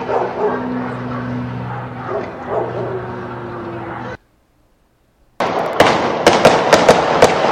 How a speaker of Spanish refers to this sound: A ver, ¿cuántos disparos son? Vamos a contarlos. A ver, denle otra vez, ahorita vamos a escucharlo.